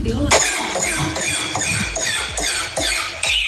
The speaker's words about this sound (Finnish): miltä kuulostaa tämmöinen pikkusen ehkä huonosti käynnistyvä auto